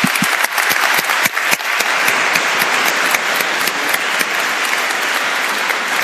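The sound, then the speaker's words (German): A crowd applauds steadily to thank the archbishop for his festive address, a dense, loud wash of many hands clapping with a few sharper individual claps standing out early on, continuing without pause and with no voices. “Ganz besonders, genau, wirklich Applaus.”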